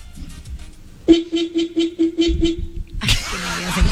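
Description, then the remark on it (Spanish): A cheap-sounding car horn holds a steady, buzzy mid-pitched tone for nearly two seconds, pulsing in a quick rhythm of short blasts, then a loud rush of hissing noise takes over. “Uy, pero es un pito de bajo presupuesto. Mi amor, ese pito está bueno, a ver.”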